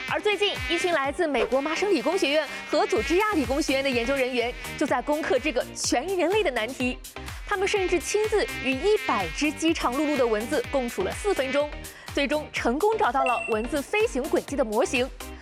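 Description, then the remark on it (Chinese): A continuous, whiny mosquito buzz hovers, its pitch wavering up and down as if darting about. It stays loud and steady throughout, with no pauses. “事实上，人类至今还不知道蚊子是怎么飞的。”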